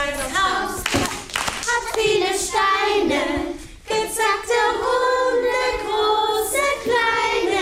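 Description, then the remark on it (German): A group of children sings a lively song while clapping their hands in rhythm and doing the movements, rehearsing for a summer concert. The claps are sharp alongside the bright, high-pitched voices. “Die Kinder sind mit Begeisterung dabei, singen, klatschen und machen die Bewegungen mit.”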